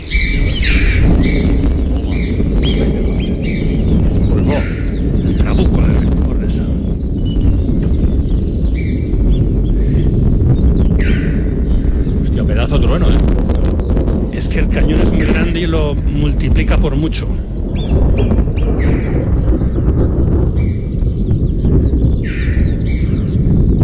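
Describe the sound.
Deep, rolling thunder rumbles continuously from a distance in the high mountains of the Ordesa canyon, heavy and steady in the low end, while sharp high calls of choughs, other birds and marmots chirp over it and a voice briefly speaks.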